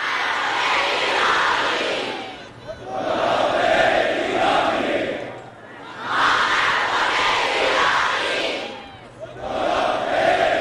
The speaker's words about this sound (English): There was chest beating and chants of revenge, revenge, with red flags carried by many in the crowd, a symbol of revenge in Shiite Islam.